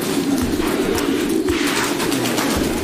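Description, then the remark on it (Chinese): A dense chorus of cooing from pigeons that have been paired by hand for breeding, a continuous low throaty murmur that stays steady and fairly loud throughout, with soft rustling on top and no one speaking. “把鸽子人工配对，没有了恋爱过程，一言不合他们可就要一决雌雄了。”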